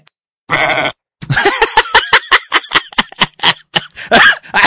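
A sheep bleats loudly: one short, steady bleat, then after a brief pause a long, quavering bleat that pulses rapidly in a shaky, stuttering rhythm.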